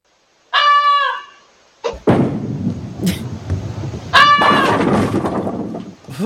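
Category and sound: bird, goose honking loudly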